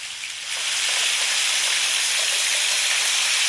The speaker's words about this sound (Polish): Zobaczmy, jak tam ulewy. Zaznaczone. Ulewa 100 głośność.